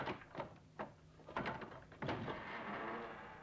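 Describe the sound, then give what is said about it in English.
A door is handled and opened: several sharp clunks and knocks in quick succession, then a louder bang followed by a steady scraping rush as it swings open. No voices. “Open the door!”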